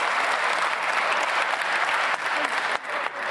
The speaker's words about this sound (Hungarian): Ez lesz a divat, hogyha olyat mond az ellenzéki képviselő, akkor tapsolással belefolytják a szót, esetleg meg is vonják.